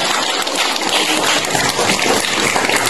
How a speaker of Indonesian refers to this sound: Tepuk tangan untuk beliaunya.